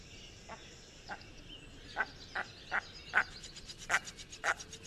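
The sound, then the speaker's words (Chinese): A series of short, nasal, duck-like calls repeats about every half second to a second, growing steadily louder and clearer, with no voices present. “就是很典型的， 很像鸭子的叫声。”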